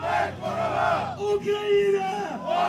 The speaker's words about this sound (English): You can see drone races, air horns, soldiers crowded around screens, cheering each other on. It feels more like a gaming convention than it does a military event.